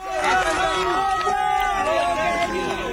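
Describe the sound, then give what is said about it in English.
A crowd of onlookers in Venezuela cheers and shouts together as emergency workers carry a 21-year-old man, rescued from rubble after more than 100 hours, out on a gurney; many raised voices blend into a loud, steady roar that carries on without a break for a few seconds. “Onlookers cheer as emergency workers carry the 21-year-old man out on a gurney.”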